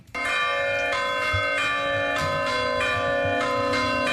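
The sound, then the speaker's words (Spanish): The church bells of Villava, Navarra, Spain, ring loudly and continuously as a climate toll, sounded when the town exceeds 30 degrees, with strikes repeating in a steady rhythm about every half second and long humming overtones sustaining between them. No voices are heard. “Las protagonistas son las campanas de Villava.”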